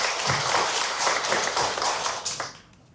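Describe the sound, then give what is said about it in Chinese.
Steady applause from an audience fills the space, a dense wash of many hands clapping that holds for a few seconds before fading out near the end; the audience is welcoming a guest, a Yuping xiao and flute making heritage inheritor, at an event. “张志学老师，玉屏箫笛制作技艺市级非遗传承人，凤来仪箫笛创始人，掌声欢迎张志学老师。”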